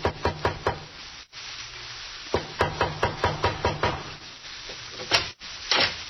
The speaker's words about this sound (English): There is a knock at the back door.